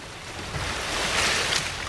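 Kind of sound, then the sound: nature, gentle ocean waves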